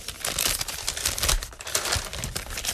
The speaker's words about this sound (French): Et que, on va ouvrir un autre petit papier. Allez-y.